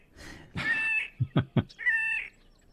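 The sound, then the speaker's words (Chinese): A bird's breeding song that sounds like a cat's meow: a drawn-out nasal mewing note, three quick low croaking pulses, then a second mewing note, fairly loud with no talking. “我们来听听它的歌声，好像猫咪耶。”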